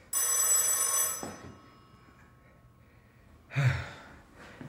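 A single loud, bright telephone ring, a call from the dispatcher of a shoe manufactory, lasts about a second and is left unanswered, followed by quiet and then a short breathy sigh. No one speaks.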